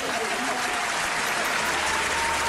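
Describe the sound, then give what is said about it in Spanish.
A crowd applauds steadily, a dense wash of many hands clapping at an even, fairly loud level throughout, with no voices cutting through. “Un aplauso para el príncipe.”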